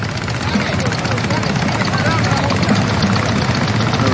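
Engines of motorboats near a swimmer in the sea off Split, Croatia, run in a loud, steady drone, a dense low rumble with a rough, churning texture that holds unbroken from start to finish, the boats making waves for the swimmer.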